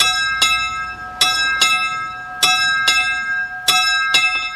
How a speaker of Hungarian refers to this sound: Hogyan is szól, ha valakiért szól a lőrinci kis harang?